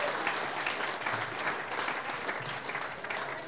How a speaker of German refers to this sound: Jetzt hat ich mal sagen, wegen Stimmung, sie hat sich einen Applaus einmal verdient zwischendurch,